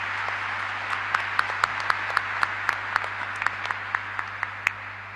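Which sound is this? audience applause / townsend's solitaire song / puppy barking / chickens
audience applause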